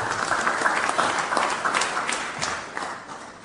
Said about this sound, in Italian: con profonda stima e gratitudine onorevole Alessandra Locatelli, che ringraziamo con un grande applauso.